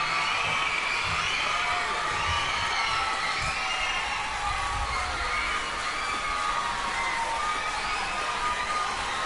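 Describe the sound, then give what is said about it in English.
A loud, steady wash of crowd applause and cheering for the choir of St. Paul's Co-Educational College Primary School, named best primary school intermediate choir in the Hong Kong region, with high excited voices whooping and shouting over continuous clapping, no single speaker standing out. “So, applause for educational talent from the primary school.”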